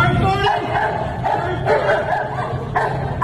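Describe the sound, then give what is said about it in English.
A dog straining to get to a man barks excitedly in a rapid series of loud, sharp barks mixed with yips, repeating every half second or so over a steady background rumble. “And this dog is almost doing a burnout trying to get there, is he not?”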